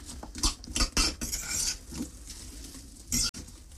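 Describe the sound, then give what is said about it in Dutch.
Pieces of apple are tipped out into a pan to stew, tumbling in with a burst of irregular knocks and clatters, followed by a soft rustling scrape and one more sharp clatter near the end. No one speaks. “Dus ik doe al die appeltjes open in de pan.”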